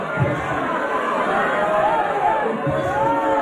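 A crowd protesting a proposed data center along the Wisconsin River shouts and jeers at a former New York City mayor: a loud, continuous and agitated din of many overlapping yells that stays steady for a few seconds with no single clear speaker.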